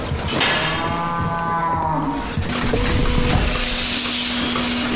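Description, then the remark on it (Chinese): Dairy cows low on a family farm in central Iceland that keeps 70 dairy cows: one long, drawn-out moo rises clearly, then a steadier, deeper bellow carries on over a constant hiss of background noise, with no one speaking. “如今他在冰岛中部经营家庭农场，饲养着70头奶牛。”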